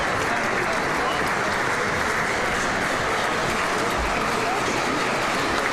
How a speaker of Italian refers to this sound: Eccolo qui l'applauso del pubblico intervenuto di Loreto, forte e generoso come al solito. A great applause from the public.